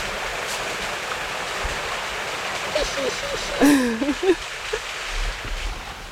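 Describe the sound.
Water rushes and laps steadily against wooden pile posts by footbridges, a continuous wash of noise, while a voice briefly speaks partway through.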